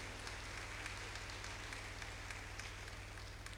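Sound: audience applause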